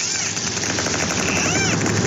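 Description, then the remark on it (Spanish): Clicks from a group of dolphins, picked up by submarine sonar: a dense, rapid crackling train of clicks at steady loudness, with a few high, arching whistles gliding up and down over it. “Bueno, esto es ruido biológico que hemos grabado, es una serie de delfines.”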